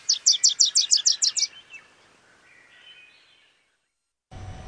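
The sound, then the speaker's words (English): A songbird heard on the BirdNote programme gives a quick rapid series of about eight bright, high chirps, then softer trailing warbles fade out before a brief burst of other noise at the end. “I love listening to those bird calls every time at about 3:08 p.m.”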